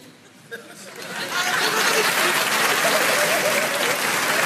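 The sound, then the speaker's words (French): An audience at Montreux breaks into applause that starts thin and quickly swells into steady, dense clapping, holding loud and even for several seconds with a faint murmur of voices underneath. “Par applaudissement, il y a des gens qui ont des amis.”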